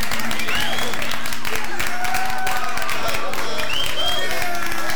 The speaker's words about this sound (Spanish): Bien, qué bien los aplaudidores, ¿no? Esa es la voz del oso Yogi, ¿no? La que se grabó ahí, el oso, ¿eh?